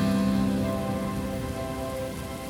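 Steady rain patters continuously on a hard surface, a dense, even hiss with no pauses. A soft sustained tonal hum lingers underneath, and no one speaks.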